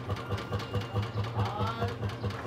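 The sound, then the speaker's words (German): A tractor engine idles with a steady, low chugging pulse, roughly four beats per second, holding an even moderate level throughout, with a faint higher whine drifting in partway through. “Du mit deinem scheiß Traktor, verstehst du?”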